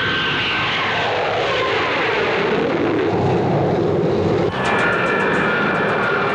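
A Lockheed U-2 spy plane roars loudly and steadily as it takes off on its first test flight, a broad rushing jet engine noise with a whining tone, with no voices.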